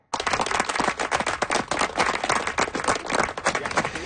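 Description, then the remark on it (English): A crowd in Windsor Park, Ottawa, applauds steadily for a new sign commemorating the Bellwood Boulder, a 14.5-ton rock: dense overlapping hand claps filling several seconds at a fairly loud, even level, with faint voices mixed into the clapping. “Yep, people gathered in Windsor Park in Ottawa earlier today to clap for a new sign that commemorates a large rock.”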